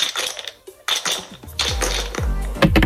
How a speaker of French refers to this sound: Vous allez lancer les dés. On s'est arrêté sur la case numéro 28 il y a un instant.